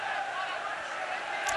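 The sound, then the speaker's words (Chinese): A large stadium crowd of football fans cheers in a dense, continuous roar, a steady wash of many voices that stays loud and unbroken throughout. “是啊，球场上好多球迷的欢呼声，应该不是嘘声吧。”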